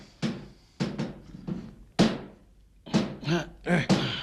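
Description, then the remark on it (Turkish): A hammer strikes a tightly shut, heavy jewellery box with a sliding drawer underneath to force it open. About eight heavy, dull thunks come in an uneven rhythm, some blows landing in quick pairs, each sharp at the start and then fading. “Ya bir çekiçle denesek olmaz mı?”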